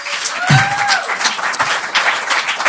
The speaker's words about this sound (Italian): Quanti anni hai tu? 12, fate un applauso al futuro.